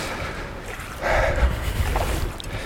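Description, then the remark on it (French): Water of the Aveyron river swirls and rushes steadily in eddies around a person standing in the river in long fishing waders, a continuous churning wash with a gurgling surge partway through, over a low rumble of wind buffeting the microphone. “Je suis installé dans l'Aveyron, j'ai bien sûr mis mes longues bottes de pêcheur pour me rendre au sein de l'Aveyron et au milieu des remous.”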